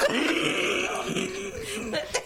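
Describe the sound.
A voice imitates the wheezy snicker of Patán, the dog from 'auto loco' (Wacky Races): a steady run of breathy, hissing chuckles for about two seconds, ending with a short louder puff.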